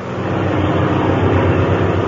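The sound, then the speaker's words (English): A steady, loud drone of a propeller airplane engine in flight at 5,000 feet, with Captain Midnight at the controls. A low rhythmic throb runs under a broad roar, continuous throughout with no voices. “at daybreak, they took off from Senor Paredes' hacienda And as we find them now, they're flying at 5,000 feet”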